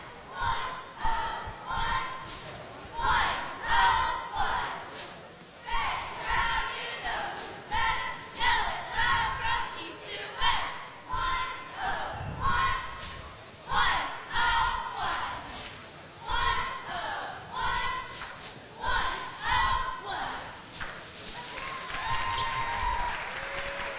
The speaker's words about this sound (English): Well, let's go to the court, and let's listen to the cheer.